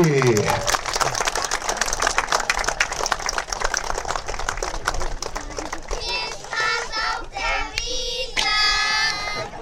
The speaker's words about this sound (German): Applaus nochmal hinterher für unsere Kinder vom Gummi.